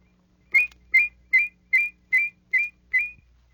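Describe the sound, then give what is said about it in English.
A fast la-la whistle: a rapid series of seven short, bright whistled notes in a steady rhythm, each quickly alternating between two close pitches that blend into a harmonizing warble, clear with no talking. “With a fast la-la whistle, you can produce two notes so closely they sound in harmony.”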